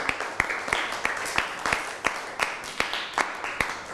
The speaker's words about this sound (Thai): นั่งลงได้ครับปรบมือให้เพื่อนหน่อย